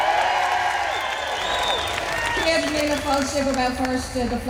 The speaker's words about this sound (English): Belfast is certainly buzzing today. Can I hear that from the crowd?